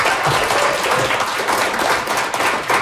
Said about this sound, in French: Je pense qu'on les applaudit très fort.